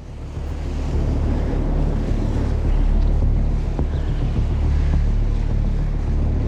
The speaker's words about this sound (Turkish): Rüzgar şimdi gerçekten de esiyor. Bu kayalık noktada balık tutmalıyım.